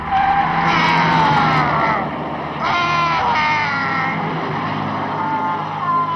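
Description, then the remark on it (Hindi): Loud tire screeching in two long sustained bursts with a wavering pitch, from a truck dragging a man tied to it, over a rumbling engine background. “Truck से बांधकर घसीटा जाने लगा।”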